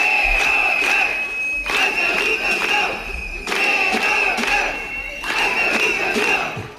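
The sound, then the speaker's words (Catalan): A large protesting crowd of about 200 early-childhood educators (ages 0 to 3) from 120 schools, gathered in front of the Parliament, chants in unison outdoors, loud repeated phrases arriving in steady bursts about every second and a half, with shouting voices blending into a dense roar. “Ja us ho diu, eren prop de 200 educadores de 0 a 3 anys de 120 centres educatius que es concentraren davant el Parlament.”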